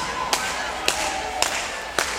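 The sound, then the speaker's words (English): Four sharp, evenly spaced hand claps at a steady, moderate tempo, ringing out clearly over a low, continuous background hum. “We need a little bit of hand clapping out there.”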